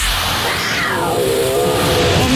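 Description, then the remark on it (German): A cat being sucked into a running vacuum cleaner lets out one long, drawn-out meow that slides downward in pitch, heard over the vacuum's loud, constant roar. “Miau ist ja wohl eine Katze.”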